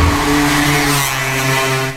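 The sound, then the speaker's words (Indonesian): A motorcycle engine roars loudly as it speeds along, its buzzing drone holding steady for about two seconds with a slight shift in pitch. No voices. “Maaf bu, kalau saya nggak spontan ngedorong, ibu bisa keserempet motor yang laju tadi loh bu.”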